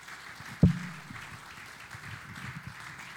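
An audience applauds in a steady, fairly soft patter of many hands clapping at once, opened by a single sharp thump, with no one speaking over it.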